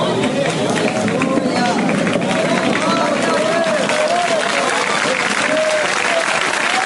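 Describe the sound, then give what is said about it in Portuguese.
An audience claps steadily in a dense, continuous patter for several seconds, loud throughout, with scattered voices calling out beneath the applause. “Pelo amor de Deus, essas palmas estão fracas, meu Deus.”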